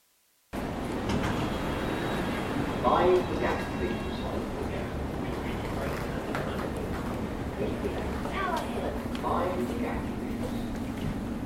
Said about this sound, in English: The next station is Aldgate. This is a Circle Line train via Liverpool Street and Kingscross. Evening all, just made the train out of breath.